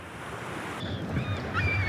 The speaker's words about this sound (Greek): Ακούς τη θάλασσα, μας ψιθυρίζει σιγά. Κρατήστε με καθαρή, παιδιά.